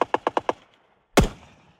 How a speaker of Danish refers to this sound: På Bornholm kan man rundt omkring høre skud og brag i de her dage.